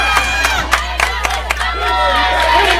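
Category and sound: crowd, stadium crowd cheering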